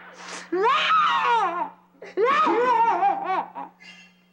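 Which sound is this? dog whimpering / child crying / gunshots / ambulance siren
child crying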